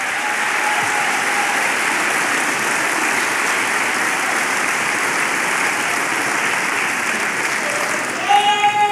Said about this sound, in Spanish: Vamos, dele palmas al Señor, dele palmas a Él.